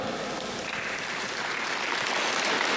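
Sustained applause from a large audience at an awards ceremony congratulating all the award-winning representatives, a dense steady wash of many hands clapping at once that swells slightly toward the end, with no voices standing out.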